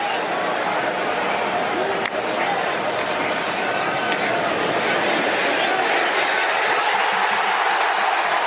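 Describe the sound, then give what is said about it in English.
A huge stadium crowd at the Big House roars and cheers in a dense, steady wall of noise after Michigan scores a touchdown for a 7-0 lead over Iowa. The noise holds loud and unbroken for several seconds with no single voice standing out. “Yeah, we didn't have any play-by-play there, but 7-0, you could hear the crowd in the big house, just going so crazy, as Michigan took a 7-0 lead on Iowa, but it did not last long.”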